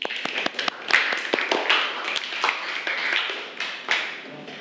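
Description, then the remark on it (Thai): A class group claps their hands for group 3's answer in a burst of applause: many overlapping, irregular claps with sharp, bright attacks, holding steady at a moderate level for several seconds. “โอเคปรบมือให้หน่อยค่ะ”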